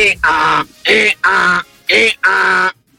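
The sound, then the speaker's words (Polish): Someone on RMF Max radio imitates an angry donkey braying on a Friday evening: three loud, harsh hee-haw cycles with strained, buzzing pitch alternating between wheezy and rasping bursts. No other talk. “To jest osioł, który marzy o karierze jako kierunkowskaz.”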